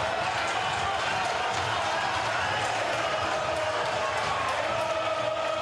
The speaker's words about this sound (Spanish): Gritan y otros insultan. Parecieron los de arriba para gritar más.